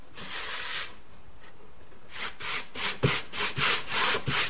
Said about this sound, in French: Je viens cirer un de mes échantillons puisque en appliquant la cire, les couleurs changent. Ça sent bon. Oui, ça sent l'orange.